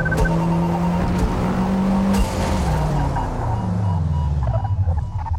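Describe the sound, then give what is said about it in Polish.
A racing car engine in a video game drones loudly and continuously, its pitch sliding downward as the car brakes hard, with faint tire squeal mixed in, without talk. “No i znów hamujemy.”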